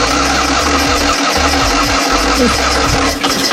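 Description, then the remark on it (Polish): A small Fiat 126p engine cranks and catches, settling into a loud, rough, throbbing idle with uneven low-pitched pulses and a raspy mechanical rattle throughout. “To jest ten dźwięk. I w tym tygodniu minęło 51 lat od momentu, kiedy pierwszy malchus zjechał z taśmy produkcyjnej.”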